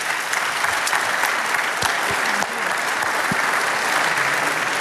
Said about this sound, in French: On peut les applaudir tous pour ce petit quiz sur le vélo.